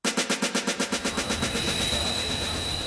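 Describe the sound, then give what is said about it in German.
A train at Anhalter Bahnhof railway station in Berlin: a quick, regular clatter of wheels gives way to a steady, loud rumble with a thin high-pitched whine, with no voices. “Anhalter Bahnhof, Berlin.”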